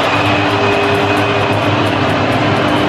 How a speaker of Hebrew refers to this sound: אפשר לשמוע היטב את הבוז, אפילו פיפה לא הצליחו לחסות את האירוע הזה ולהסתיר אותו.